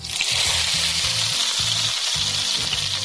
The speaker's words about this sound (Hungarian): És akkor ezeket utána ilyen sütőpapírra előkészít egy kis vágódeszkára teszem, amelyre tudom és dolgozom, és utána pedig serpenyőben olívaolajon ki fogom sütni.